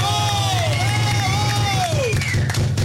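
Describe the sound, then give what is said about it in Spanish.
A crowd cheers and applauds the staff in a steady, loud wash of noise, with a few voices whooping and sliding in pitch above the roar. “Y he ahí los del staff, para los que pido un aplauso fuerte.”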